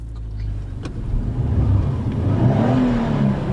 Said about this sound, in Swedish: Nu är det så att det har faktiskt börjat regna här lite Urlången, så att jag har fått krypa in i en bil av märket, hör och häpna, Saab. Så ska vi se om du kan komma på vad det här är för Saab.